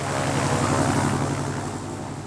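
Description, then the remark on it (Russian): A small propeller plane takes off and turns toward a farm, its engine droning loudly and steadily, a thick buzzing hum with pulsing overtones that eases off slightly toward the end. “самолет Дональда поднялся в воздух и сразу же повернул к ферме, над которой я только что побывал”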